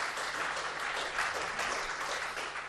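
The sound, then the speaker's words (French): An audience at the Albi media library applauds the Pollux association steadily, a dense, even wash of many hands clapping with no distinct individual claps standing out, holding at a moderate level throughout. “Tout cela grâce, évidemment, en amont, à l'association Pollux, qu'on applaudit bien fort aussi.”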